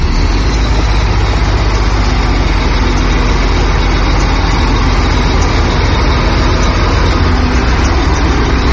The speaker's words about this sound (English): We continue on to Punta Delgada to cross the Magellan Strait. The very south of the continent is a collection of islands, Tierra del Fuego. And to get to Isla Grande de Tierra del Fuego, we drive onto a ferry.